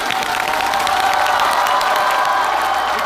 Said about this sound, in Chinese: 好， 鼓掌